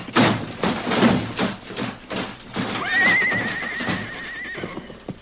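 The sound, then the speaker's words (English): Runaway horses pulling a stage whose brakes won't hold whinny loudly over a rapid, continuous clatter of hooves, with one long, wavering neigh standing out midway through the frantic galloping racket. “The horses are out of control.”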